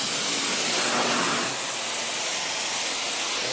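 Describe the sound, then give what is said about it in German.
A steady, loud roaring hiss of a gas torch flame heating iron runs continuously through the whole stretch, even, with no talking over it. “Eisen erwärmen.”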